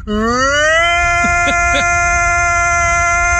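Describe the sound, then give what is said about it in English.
A voice imitates a tornado siren, a loud sustained wail that slides up in pitch and then holds a steady, harmonic-rich tone for several seconds, with a few brief vocal wobbles partway through. “Beware, that's not a real tornado siren.”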